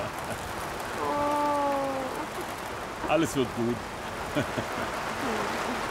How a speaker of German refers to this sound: Es regnet überhaupt nicht. No. Also jetzt gerade schon